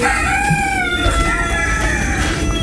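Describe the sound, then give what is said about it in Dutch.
Several roosters crow in overlapping, drawn-out calls against a steady, noisy background of many birds clucking and shuffling, loud and continuous throughout. “Nou ja, hier zie je de hanen die er het beste aan toe zijn.”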